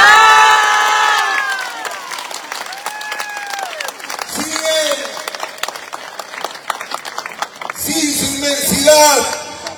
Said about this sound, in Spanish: Y es por eso que hoy tenemos que agradecerle con un fuerte aplauso a nuestro Dios.